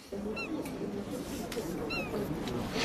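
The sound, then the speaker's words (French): A seagull on the quays of Nyon lets out two short, high, squealing cries about a second and a half apart, over a steady bed of low murmuring crowd voices and background noise. “Il y a une mouette, ouais.”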